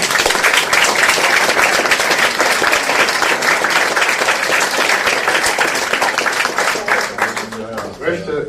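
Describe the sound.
A crowd applauds steadily and loudly, a dense wash of many hands clapping for about seven seconds before it thins out and a voice begins to speak.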